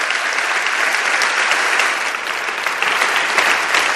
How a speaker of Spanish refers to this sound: Os pido un aplauso para que se sienta la fuerza de los que estáis aquí y nuestro apoyo a toda esa gente que está trabajando por ayudar a los demás.